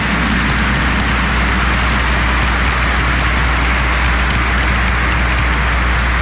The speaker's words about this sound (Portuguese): E para o padre Jorge, a gente vai dar uma bonita salva de palmas. Mais palmas, mais forte, mais bonito.